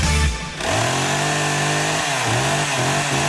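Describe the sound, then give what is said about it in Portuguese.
A Stihl chainsaw engine roars loud, its steady high-pitched whine dipping and surging as the throttle is revved several times over a few seconds. “O Fecha Mês Maxima chegou com oferta de Motosserra Estil.”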